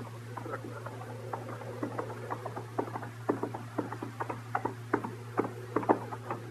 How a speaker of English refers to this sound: Oh! Well, what's that? A man on a horse. But I've had my eye on him some little while.